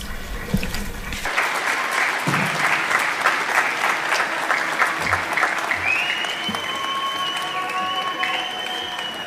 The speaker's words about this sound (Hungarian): Köszöntsük őt egy nagy tapssal.